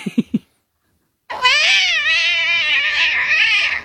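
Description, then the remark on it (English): A person's voice imitating a cat tumbling downstairs: three quick low thumps, a brief silence, then a long, loud, wavering yowl that stretches on for a couple of seconds. “What about a cat that slips over and falls down the stairs?”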